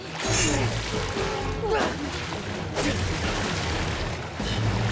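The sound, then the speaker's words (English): Vigorous splashing and churning water as two people clash and fight in waist-deep water, with a couple of sharper slapping impacts midway and steady turbulent sloshing throughout. “They clash in the waist-deep water.”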